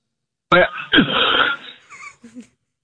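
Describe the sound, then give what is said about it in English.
A short, sharp cough on a phone call, caused by a piece of cereal stuck in the throat, followed by a longer, rough, raspy one, then a few faint throaty sounds as it trails off. “I didn't mean to cough on the phone.”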